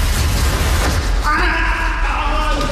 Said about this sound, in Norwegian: Det skriket der var jo helt forferdelig.